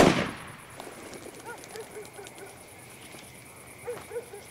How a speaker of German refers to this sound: Die verscheuchen alle, die dem Hof zu nahe kommen. Die Alte, feuer doch schon mal die Flinte ab.